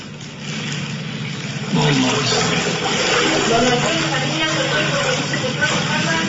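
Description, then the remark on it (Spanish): Steady sloshing and splashing of water, growing louder partway through, as people walk through black sewage water from a drain that has flooded a house, including the dining room, with faint voices in the background. “¿Oyen cómo caminan por el agua?”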